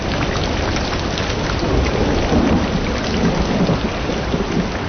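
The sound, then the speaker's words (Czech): Heavy rain pours down in a dense, constant hiss while deep thunder rumbles underneath, swelling slightly midway through. No voices are heard. “Stodoly se bál, ale bouřky ještě víc.”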